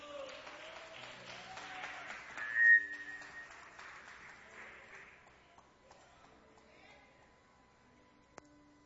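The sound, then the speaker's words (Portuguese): A church audience claps for Jesus together in a dense, lively burst, with a few bright whistles cutting through, before the applause gradually thins out and fades over several seconds. “As palmas são bem alegres para Jesus.”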